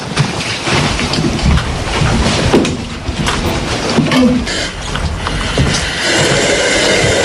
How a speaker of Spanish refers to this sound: Bueno, este es uno de los sonidos del día, la fuerte respiración de los bomberos de Ceuta en su viaje al centro de la Tierra.